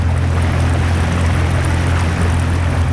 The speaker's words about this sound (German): Auf dem Sempacher See sind Taucherinnen und Taucher noch bis Anfang November an der Arbeit. Und darum fährt das Boot von der Unterwasserarchäologie schon wieder in den See raus.